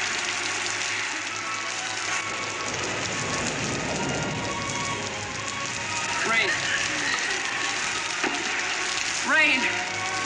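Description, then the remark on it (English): Steady rain patters on a hard surface in a continuous, even hiss, with a few faint voice-like sounds rising briefly over it toward the end. “It's raining.”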